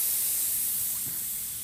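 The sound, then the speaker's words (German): A steady, continuous hiss of air escaping from a flat tyre, bright and airy, holding at an even level for the whole moment with no voices over it. “Warum bremst du? Ei, wir haben Platten.”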